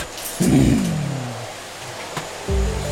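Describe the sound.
A voice imitates a vacuum cleaner with a loud, buzzing drone that slides down in pitch and fades, then a brief click, then the humming whir starts up again.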